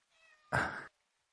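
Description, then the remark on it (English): A person imitates a cat's meow at their pet cat Fluffy: a soft, tonal lead-in followed by one loud, broad, drawn-out mew, with silence after. “See, I meowed at Fluffy and she moved towards me and ignored me.”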